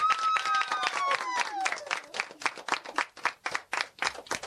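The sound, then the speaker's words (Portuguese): A group of children clap in a quick, steady rhythm for several seconds, applauding the children who sang, with a high voice sliding downward in pitch over the first couple of claps. “Agora vamos dar palmas a todas as amiguinhas e amiguinhos que cantaram.”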